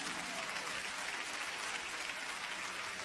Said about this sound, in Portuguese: Palmas para Jesus.